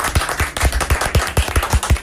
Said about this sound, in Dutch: Ja, nou ja, wij klappen graag voor onze gasten, vinden we leuk.